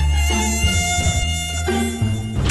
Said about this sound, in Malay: Nah, kan Abang Siba dah kata, sekarang ni nyamuk Aedes banyak.